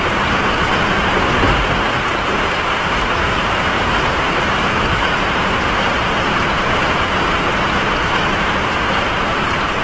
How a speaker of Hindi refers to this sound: वही आषाढ़ का दिन है, उसी तरह मेघ गरज रहे हैं, वैसी ही वर्षा हो रही है